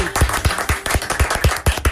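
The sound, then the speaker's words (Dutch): Steady rhythmic clapping as applause for a performer, about eight even beats in under two seconds, loud, with a low thump on each beat like a crowd clapping along in time. “En een applaus voor de maestro zelf, ….”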